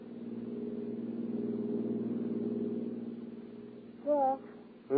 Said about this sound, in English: toss your luggage into the back of her car, swing out of the city and wind your way along the lonely skyline drive high over the sea.